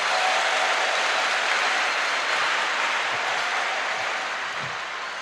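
A crowd applauds steadily for Jesus, a dense wash of many hands clapping at once that holds for several seconds and then starts to taper off toward the end.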